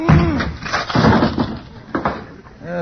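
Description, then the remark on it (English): A wooden closet door bursts and splinters in a loud, clattering crash of cracking wood as a man trapped inside rams it with his head to get out, with a few short vocal exclamations around the noise. “Kingfish, if we could just part them splinters, you'd have a lovely head of hair.”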